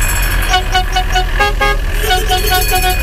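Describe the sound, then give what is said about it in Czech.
A vintage motorhome horn honks in a quick series of short, nasal toots, then holds a longer blast, loud over a steady engine and outdoor rumble, at a retro motorhome meet in the village of Bláto in central Bohemia, Czech Republic. “Některá auta mají krom klaxonu také zvonek jako tramvaj.”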